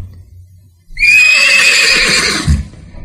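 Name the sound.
horse neighing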